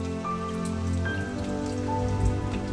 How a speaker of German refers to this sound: Ich mag den Regen. Es riecht jetzt so gut. Er ist das Blut des Lebens. Ohne ihn wären wir verloren.